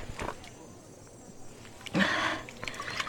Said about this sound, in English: Here, have some water. It will refresh you. Oh. It's all right. Drink. Thank you.